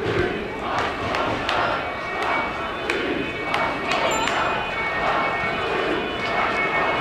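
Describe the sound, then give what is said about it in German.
A large outdoor crowd of demonstrators at a street demonstration boos and jeers at police in a sustained, loud roar, with sharp shouts and whistles cutting through now and then. “Ich hoffe, man hört es gut genug, aber die Bullen werden hier gerade ausgebuht beim Nynamenosplatz.”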